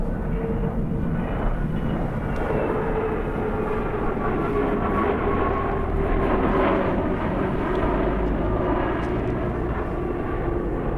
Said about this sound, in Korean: 인천공항으로 향하는 차창 밖으로 비행기 한 대가 천천히 이륙하는 게 보이고 있다.